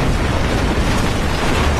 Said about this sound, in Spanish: El barco se acerca a las columnas de la cueva cerca de la cascada, gira de lado. Todos salen volando cuando el barco choca contra las columnas. Caen en el agua, siendo arrastrados por la fuerte corriente. Las columnas se derrumban.